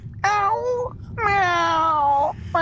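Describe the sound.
A person imitates a cat with two drawn-out, whiny meows in a row, the second longer than the first, fairly loud, with a third starting at the very end.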